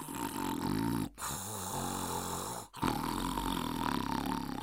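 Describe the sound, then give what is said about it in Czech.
Loud, rumbling snoring of the wolf from Little Red Riding Hood, stretched out asleep on the bed: three long, drawn-out snores separated by two brief pauses, with no talking. “Potom se natáhl na postel a za chvíli chrápal, až se hory zelenaly.”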